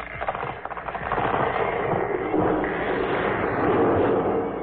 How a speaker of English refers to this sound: There now. Your mother has knocked down the big tree.